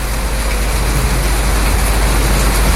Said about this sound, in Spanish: ¿Su trueno? Puede ser, po. Puede ser. Tronazo.